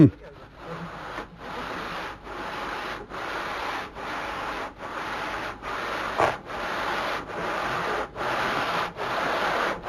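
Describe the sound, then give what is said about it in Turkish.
Gritty, steady scrubbing of a copper pot with sand, fairly loud, in regular back-and-forth strokes roughly once a second with tiny pauses between them, lasting the whole time, removing the old tin lining, dirt and rust so new tin will hold. “Tabii eski kalayı da silmiş oluyor şimdi. İçindeki kiri pası da silmiş oluyor.”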